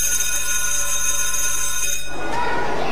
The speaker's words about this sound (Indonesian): Subway.